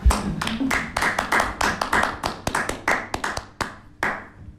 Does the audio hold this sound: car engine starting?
no